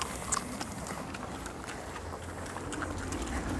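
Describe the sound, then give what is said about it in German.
A horse shifts and moves about, its hooves giving off irregular clopping knocks over a steady rushing background noise, with no one speaking. “Du lässt dich von dem Pferd regelrecht verarschen.”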